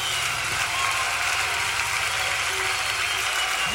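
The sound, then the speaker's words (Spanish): A crowd applauds steadily, a dense wash of clapping that holds at an even, fairly loud level for the whole few seconds without any voices breaking through. “Bendito Dios, un aplauso a aquel que es poderoso.”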